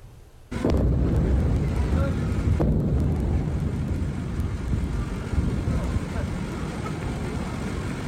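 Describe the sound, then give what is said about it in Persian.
Several explosions in the coastal city of Sirik, Hormozgan Province, Iran, near the Strait of Hormuz: a sudden loud boom breaks out of near quiet, followed by a second sharp bang a couple of seconds later, with a heavy, continuous rumbling roar lingering throughout. “ویدیویی رسیده از ایران به وقوع چند انفجار در شهر ساحلی سیریک در استان هرمزگان و نزدیکی تنگه هرمز را نشان می‌دهد.”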